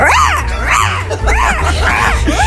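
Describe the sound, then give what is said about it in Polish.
A person's voice imitates a bird call in a contest on RMF Max radio, with four loud, warbling hoots, each swooping up and back down in pitch, repeated in a steady rhythm over a low background rumble. “Dzisiaj zamienialiście się w ptaka.”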